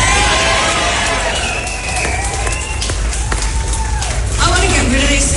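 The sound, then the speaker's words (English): A large crowd at a political rally addressed by Ms Hanson cheers and shouts continuously, a dense roar of many overlapping voices with occasional louder whoops rising above it, loud throughout. “Ms Hanson addressed the crowd last night saying she wants to take her country back.”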